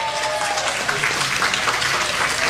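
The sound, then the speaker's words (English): A burst of audience applause congratulating someone retiring from Kaiser, dense steady clapping from many hands at a fairly loud, even level throughout, with no voices standing out. “Why do we applaud people for actually stopping working?”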